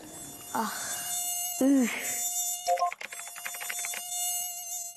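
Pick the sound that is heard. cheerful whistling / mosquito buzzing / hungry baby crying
mosquito buzzing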